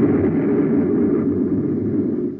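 A loud, deep explosion sound effect on the Space Patrol program: a thick, rumbling roar that holds steady for a couple of seconds before starting to fade, with no voices.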